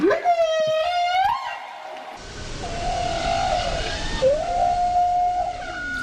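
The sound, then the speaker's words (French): Whale song: long, drawn-out tonal calls that rise and bend in pitch, with a whistle-like quality, heard over a steady rushing underwater-style background hiss. No one speaks. “La vie des baleines a toujours été entourée de mystères élucidés les uns après les autres. Leur origine, leur taille, leur chant aussi.”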